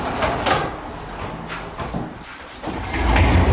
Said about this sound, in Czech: A tyhle dveře, to nám zůstalo jako dědictví po pance, po předchozích obyvatelích.